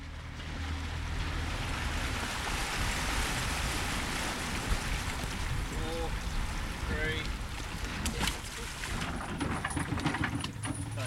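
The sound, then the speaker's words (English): A steady wash of water and wind noise from a boat out on Port Phillip Bay, Victoria, on an autumn morning with four people on board, with lapping waves and faint engine rumble, a few brief voice-like tones rising briefly in the background. “It's a perfect autumn morning on Port Phillip Bay. There are four of us on board”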